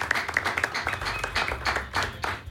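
A crowd of young people applauds themselves, clapping steadily, many hands producing a dense, crackling patter of applause at moderate volume, with brief speech-like bursts mixed in.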